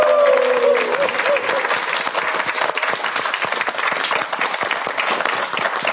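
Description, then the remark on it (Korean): An audience applauds steadily after a song performance by a popera duo, a dense wash of many hands clapping at a loud, even level throughout, with a brief tonal voice-like sound fading out in the first second. “그럼 다시 한번 큰 박수 부탁드립니다.”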